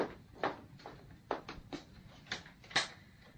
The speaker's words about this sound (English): There's someone at the door. Open it, then. Right.